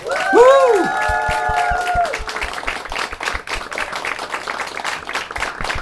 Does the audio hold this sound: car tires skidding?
no